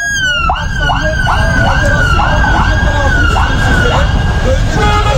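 A police siren wails loudly during a police operation in Turkey, cycling rapidly up and down in a steady repeating pattern for several seconds over a constant bed of street noise.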